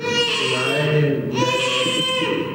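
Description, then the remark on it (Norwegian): The newborn Prince Haakon Magnus of Norway wails loudly, two long continuous cries separated by a brief catch of breath, shrill and strained throughout. “Så sette han I å skrike.”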